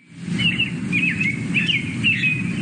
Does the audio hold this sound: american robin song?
yes